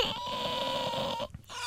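A fairly loud whimpering cry, a high thin whine that wavers steadily for over a second before breaking off into a brief catch, with no talking.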